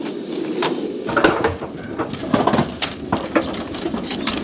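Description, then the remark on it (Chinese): White King pigeons, raised for over three months and able to fly freely, coo in a low, continuous murmur as if from a loft full of birds, with occasional brief flutters and knocks breaking through. “养殖了三个月以上的白羽王已经能自由飞行了。”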